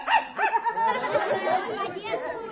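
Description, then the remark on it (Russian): A dog named Pusya gives a few quick, high-pitched barks, then a muddle of overlapping chatter and bark-like yelps carries on to the end. “А вот я всегда говорила, что Пуся необыкновенная собака.”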